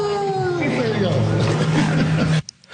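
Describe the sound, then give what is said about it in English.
A person imitates a wolf howl: one long, loud voiced wail that slides downward in pitch, then holds a steady low tone for a couple of seconds before cutting off abruptly. “Can you do that coyote howl for us? No, it's a wolf.”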